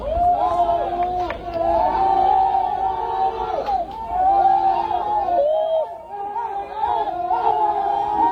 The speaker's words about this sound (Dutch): Ja, luid gejuich, maar de zoektocht is nog niet voorbij.